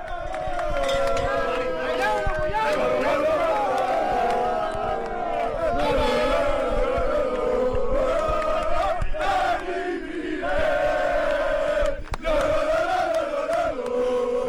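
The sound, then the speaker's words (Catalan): A large crowd of Joventut fans cheers and chants euphorically as coach Dani Miret comes out, a loud, continuous roar with sung, rising-and-falling vocal tones running throughout and no break in the noise. “Atenció perquè ara surt Dani Miret i atenció perquè aquí hi ha eufòria, eh?”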